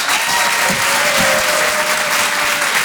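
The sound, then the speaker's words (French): An audience at the Rire et Chanson Comedy Club's Open du Rire at the Beau Théâtre claps steadily for comedian Édouard Deloignon, a dense, even wash of applause that holds at a loud level for the whole stretch with no voices standing out. “Faites du bruit pour Édouard Deloignon.”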